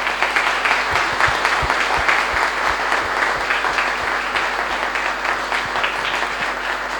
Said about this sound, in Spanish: Y les damos un fuerte aplauso.